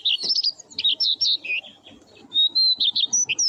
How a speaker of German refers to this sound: Schön, gell? Der Gesang des Braunkehlchens.